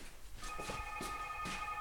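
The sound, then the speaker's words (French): A telephone rings with a steady, high electronic tone that holds through most of the moment, punctuated by a few short, sharp bursts of noise; it is a neighbor calling. No one speaks. “Alors là, Dieu, il y a le téléphone qui sonne encore.”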